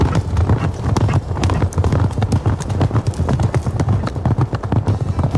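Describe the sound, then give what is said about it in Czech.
A historic water-powered mangle in Ratibořice, from the first half of the 19th century and still working, built for mangling linen and driven by water from the millrace at Rudrův mill: a steady, rhythmic series of deep, heavy thumps with clattering wooden knocks, repeating quickly and loudly over a continuous low rumble. “Tenhle pravidelný hluboký zvuk vydává historický vodní mandl v Ratibořicích.”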